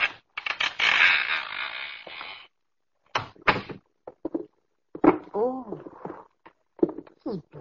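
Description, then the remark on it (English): A door that is already partially open is pushed open in the dark at night, creaking with a drawn-out, rasping groan lasting a couple of seconds, followed by quieter shuffling and murmured voices. “That door's already partially open.”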